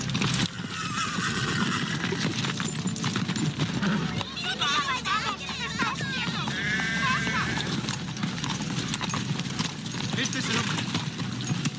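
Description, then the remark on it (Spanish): Horses whinny several times in the middle of a busy, steady din, with hooves clopping throughout and other animals bleating faintly in the background. “Queremos herrar estos caballos y necesitamos comida.”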